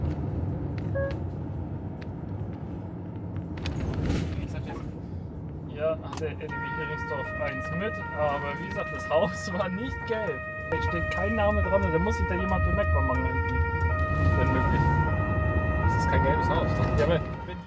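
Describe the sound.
An emergency vehicle's Martinshorn, in a convoy heading to Bansin, starts about six seconds in, a loud two-tone wail cycling between pitches over a low engine rumble, with indistinct voices before it begins.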